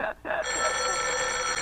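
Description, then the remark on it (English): A telephone bell rings loudly and steadily, a bright, continuous metallic jangle after a brief pause at the start, with no voices over it. “Let it go on ringing. It's a trick of some kind. I won't answer it.”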